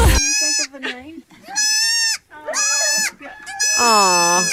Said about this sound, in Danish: Ja, ja, babyged. Ja, det er en babyged.